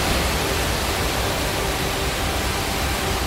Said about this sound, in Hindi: टपकेश्वर महादेव मंदिर के पास तमसा नदी भी रौद्र रूप में है और हालात ये हैं कि श्रद्धालुओं से नदी के पास न जाने की अपील की जा रही है।